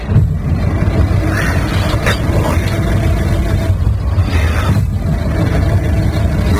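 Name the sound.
car engine cranking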